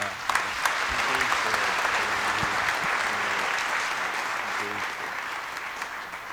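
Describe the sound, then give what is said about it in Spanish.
A large audience applauds steadily, a dense wash of clapping that stays loud and even for several seconds before easing slightly toward the end. “Muchas gracias, vamos a dar un aplauso grande.”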